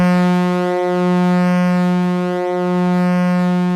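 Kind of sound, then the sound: vehicle, steamship horn blowing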